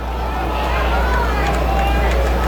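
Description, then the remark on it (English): A large ballpark crowd at a baseball game murmurs quietly in the ninth inning as the pitcher sets with two outs, a steady low hubbub of many voices with no distinct words, holding at an even level throughout. “Crowd down to a hush.”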